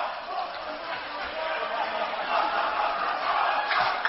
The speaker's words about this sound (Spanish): No, pues están dando ánimos, se están echando porras, están gritando entre ellos. Hay alguien que está en medio. Estamos tratando de escuchar el grito que se hace. ¿Es un ritual? Sí, parece medio hawaiano, ¿no?